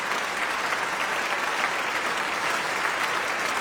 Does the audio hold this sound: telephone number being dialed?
no